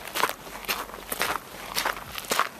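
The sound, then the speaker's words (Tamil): Footsteps of people walking slowly at a palace, a steady run of soft, crisp steps roughly every half second, with no voices over them. “சரி வாங்க மெல்ல நடந்து போகலாம்.”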